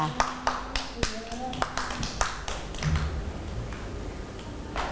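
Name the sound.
children clapping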